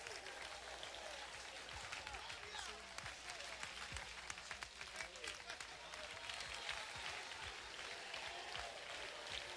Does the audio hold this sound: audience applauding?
yes